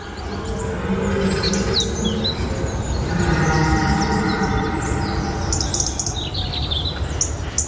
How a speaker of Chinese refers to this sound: 这是小家伙第一次听到成年雄性欧洲马鹿求偶时的情歌。他的妈妈就像被施了魔法一样，循着叫声走去。